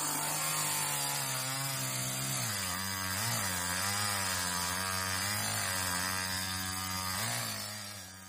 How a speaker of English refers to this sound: The farmer used the big chainsaw to cut down as many trees as he could.